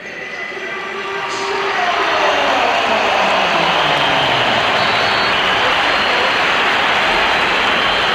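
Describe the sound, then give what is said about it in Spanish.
A football stadium crowd erupts in whistles and applause, swelling over the first couple of seconds into a dense, loud, steady roar that carries on without letup. “Aquí se han oído pitos, pero claro, pero a lo mejor creo, en el campo se han oído también aplausos.”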